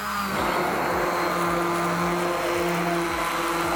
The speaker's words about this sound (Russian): Я довела суп до однородной консистенции и теперь добавляю в него сливки. И также еще раз блендерю.